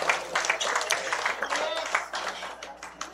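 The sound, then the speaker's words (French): An audience applauds steadily for about three seconds for the absent radio host Bernier Sylvain, a dense, even wash of many hands clapping at once that fades slightly toward the end, with faint voices mixed in. “Bon, alors il n'est pas là, mais je vous demande de l'applaudir quand même pour le bon travail qu'il fait à la radio.”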